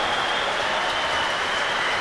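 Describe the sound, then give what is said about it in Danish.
A crowd in the concert hall applauds the opera choir after an evening performance of Verdi's music, a dense, even wash of clapping that holds steady at a fairly loud level throughout, with no voices on top. “Nu bliver der klappet af koret.”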